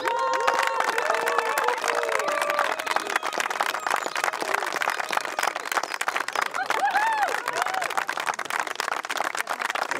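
An audience applauds steadily for a contestant in an applause vote, dense rapid clapping filling the sound, with whoops and cheers and some voices rising above it.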